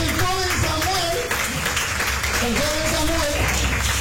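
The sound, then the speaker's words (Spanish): An audience claps steadily for several seconds as an offering of applause to God, a dense, even wash of applause while a voice calls out over it. “Dale una prenda de palmas.”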